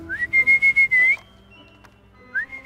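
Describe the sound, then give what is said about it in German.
A person whistles to call bat-eared foxes: a rising note, then a quick series of five short pulsed whistles and a longer held one, loud, with a brief rising whistle again after a pause. “So, ich versuche mal zu pfeifen.”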